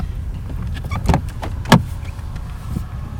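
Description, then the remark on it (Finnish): A car idles with a low rumble while sharp clicks and a couple of louder knocks sound as its tyres crunch and settle onto a flat spot of rock, being parked at a rocky, natural boat harbour. “Kalliolla on kuitenkin sen verran tasainen kohta, että saan siihen auton.”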